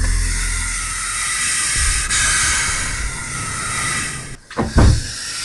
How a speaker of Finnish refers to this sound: Tältä kuulostaa kyykäärmeen sihinä. Tämä kyseinen yksilö eksyi sisälle kesämökkiin ja päätti uhitella asukkaalle ennen kuin poistui tiloista ulos. Asukaskaan ei sihinästä hätkähtänyt, koska mökki on käärmealueella ja käärmeitä maastossa näkyy.